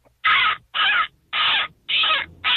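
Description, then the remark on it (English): In a seagull calling contest, someone imitates a seagull with five loud, harsh squawks in a steady, evenly spaced rhythm, with no other sounds in between. “Oh, I called in for a seagull calling contest, obviously.”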